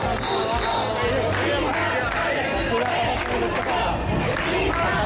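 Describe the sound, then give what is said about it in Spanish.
A large crowd in Ceuta shouts and chants for the expulsion of immigrants, calling them invaders, after breaking through a police cordon to reach the Playa del Trampolín: a dense, loud, continuous roar of many voices with rising bursts of yelling and scattered calls throughout. “Grito de expulsión, invasores, un grupo de personas ha roto el cordón policial para acceder a la playa del trampolín, lugar donde están durmiendo cientos de esos inmigrantes.”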